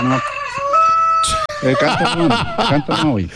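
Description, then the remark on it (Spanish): A rooster crows once, a drawn-out harmonic call lasting about a second, then people start talking right after it. “Canta, canta, no, canta, no, te está cantando, dejando el gallo.”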